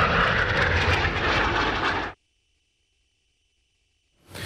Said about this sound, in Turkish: Geçmişin pervaneli uçaklarıyla başlayan gösterinin finalini Türk Hava Kuvvetleri'nin Akro timi Türk Yıldızları yaptı.